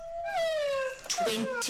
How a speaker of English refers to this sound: I have not had more than 4 hours solid sleep in over 3 months. That's a resident of Cunard Street who was at council last night saying council has to do something about the howling of these dogs, whether they're dogs, dingo crosses, or dingoes.